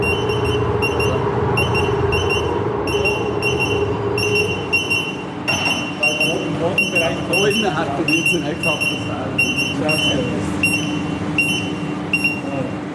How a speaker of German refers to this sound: Und tatsächlich passiert es dann, dass das Warngerät Alarm schlägt und wir aus dem Raum müssen wegen Explosionsgefahr.